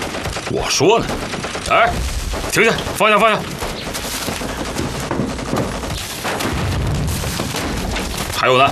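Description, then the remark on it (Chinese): Sustained gunfire and booming artillery rumble through a chaotic battle scene as Japanese troops attack, with sharp bursts and volleys layered over shouting voices, loud throughout. “哪来的枪炮声？”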